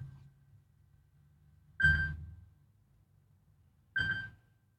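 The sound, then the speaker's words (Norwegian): A phone rings twice, each short ring with a bright metallic tone, spaced about two seconds apart against a quiet low hum, with no one speaking. “Det ringer, hør, hvem kan det være?”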